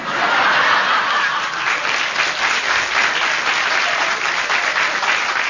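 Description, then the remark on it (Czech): A crowd applauds steadily and loudly for several seconds, a dense wash of clapping with faint chuckles mixed in, no speech over it. “Máte potlesk, uklonte se.”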